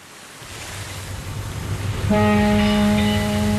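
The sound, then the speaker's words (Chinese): Waves and water rumble steadily, then a passenger ship's deep, loud whistle blasts in partway through and holds as one long, unbroken tone over the churning water as the ship slowly docks at a pier in Hong Kong. “香港码头，一艘客轮鸣着汽笛缓缓靠岸，岸边上人头攒动，有准备上船的旅客，有送人的人，也有来接人的人。”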